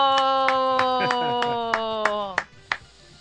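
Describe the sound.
Steady rhythmic handclaps, about nine evenly spaced sharp claps, ring out over a long sustained voice holding one note that drops away near the end, leaving a couple of final claps.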